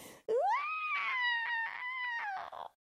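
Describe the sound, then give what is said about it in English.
A single drawn-out theatrical scream, performed by a human voice as a witch who is melting after being soaked with a bucket of water. It rises quickly into a long wavering wail and sinks at the end. It is loud, with no other sounds. “Screamed the witch. She began to shake and melt away at the edges.”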